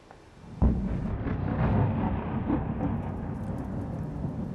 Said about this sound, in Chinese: 好，带您看到，这是在当地时间17号的凌晨，在基辅市传出了密集的爆炸声响。